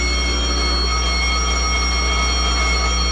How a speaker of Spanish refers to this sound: El capitán oprimió un botón y una serie de foquillos rojos anunciaron alarma general y automáticamente funcionaron las alarmas en toda la base.